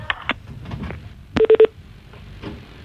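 A telephone rings in a brief, fairly loud burst of three quick electronic pulses, with a few faint clicks before it and a low background hum throughout.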